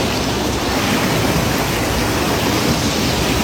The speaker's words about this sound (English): Like that's a river that overflowed or something, right?